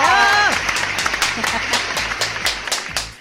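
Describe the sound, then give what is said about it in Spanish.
Dense, steady audience applause for the show's sexologist and therapist fills the whole clip, many hands clapping at once, while a short musical flourish opens it and a low, rhythmic beat thumps underneath. “¡Fuerte el aplauso!”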